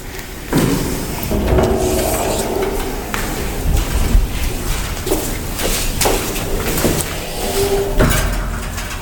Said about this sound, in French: Non, c'est juste la porte qui n'arrête pas de claquer. D'accord. La porte n'arrête pas de claquer parce qu'il fait très chaud aujourd'hui.